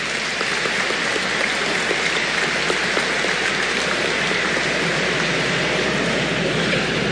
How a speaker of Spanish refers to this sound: Fuerte el aplauso para la diócesis de Barahona.